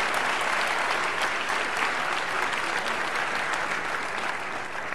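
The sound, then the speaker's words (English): Steady, dense applause from a large audience at a Saviour's Day church gathering, given for a visiting pastor, many hands clapping at once in a continuous, even wash of sound with no speech over it. “Can we give Pastor Wells another round of applause, please?”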